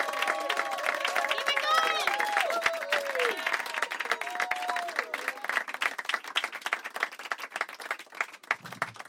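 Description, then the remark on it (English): A crowd at a stand-up comedy show in Hickory Hills claps and applauds steadily as a comedian is brought on stage, a dense wash of hand claps with whoops and shouting voices rising over it at the start, the clapping continuing loud and unbroken throughout. “Keep it clapping until he gets here!”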